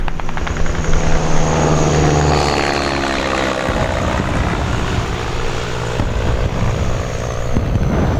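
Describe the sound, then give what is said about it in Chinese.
Japanese propeller aircraft drone loudly overhead flying westward, a steady throbbing engine roar with pulsing low rumble that shifts in pitch as the planes pass, continuous throughout with no voices. “飞机到底在哪儿啊？ 鬼子的飞机是往西边去的。”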